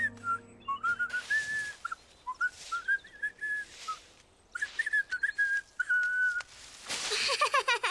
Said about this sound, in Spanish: Yo puedo silbar también. Buen intento, Franklin, pero no debes soplar tan fuerte.